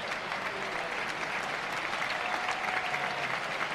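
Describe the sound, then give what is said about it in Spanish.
A large bullring crowd in El Puerto claps in sustained, dense applause, a warm ovation for matador Andrés Rocarrey as he prepares to take up the swords, a steady wash of many hands filling the whole stretch at an even, warm intensity. “Cariñosa ovación del público portuense al maestro Andrés Rocarrey, que se dispone aquí a coger los aceros.”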